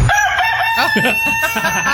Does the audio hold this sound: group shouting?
no